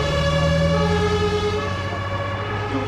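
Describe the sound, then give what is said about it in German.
An ambulance siren blares, a loud, sustained, slowly shifting wail that holds steady throughout, with no voices or other sounds. “Dann laden wir sie in den Krankenwagen mit den 3 Kindern.”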